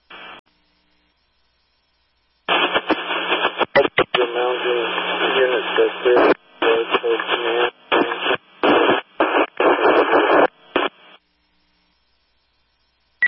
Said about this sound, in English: Last unit, can you repeat your radio traffic was static?